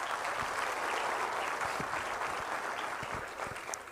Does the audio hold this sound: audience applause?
yes